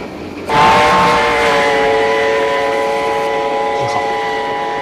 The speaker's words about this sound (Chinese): 你听，这火车的行进声，像不像在说“成渝铁路，成渝铁路，成渝铁路，成渝铁路，成渝铁路”？